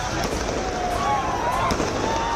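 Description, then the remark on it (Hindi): Celebratory fireworks set off by hundreds of students celebrating after their protest demands were accepted crackle and pop in a steady outdoor barrage, with sharp bursts and a rising whistle over constant crowd noise and indistinct voices. “किसी ने गुलाल के साथ इस जीत की होली खेली तो साथ साथ आतिशबाजी कर खुशियों की दिवाली भी मनाई गई।”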